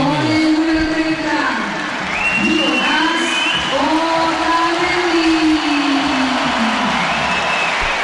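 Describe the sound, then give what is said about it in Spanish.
A large football stadium crowd gives mixed applause as the starting players are announced on the stadium's LED screens, with sustained rising and falling tones like whistles and shouting voices that sweep over the dense clapping throughout. “Mix de aplausos y”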